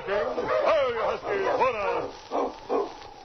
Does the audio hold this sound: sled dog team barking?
yes